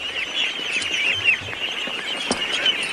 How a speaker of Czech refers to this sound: Kachny. Kachny. Poslyšte, to jsem se vás chtěl zeptat, co je to tu všude za ptáky? Kachny.